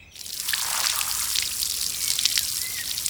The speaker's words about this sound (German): Warum spritzt du die Knochen denn mit dem Gartenschlauch ab? Muss die reinigen.